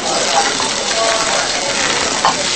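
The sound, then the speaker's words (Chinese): Beef sizzles loudly on a hot iron griddle in a kitchen as a cook makes teppanyaki beef with crispy rice crust, a dense, continuous crackling hiss that stays steady for the whole moment, with a brief brighter pop near the end. “苏北厨师在厨房里忙碌着，正在做铁板烧牛肉锅巴。”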